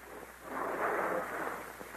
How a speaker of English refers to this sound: Hear that? Sound like water. He's putting more water in the barrel. He's going to make it just as heavy as possible in case we do try to lift it.